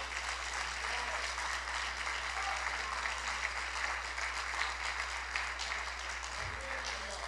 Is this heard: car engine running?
no